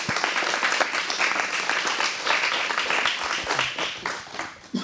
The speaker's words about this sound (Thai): ขอเสียงปรบมืออีกครั้งให้กับนักแสดงและนักร้องของพวกเราด้วยค่ะ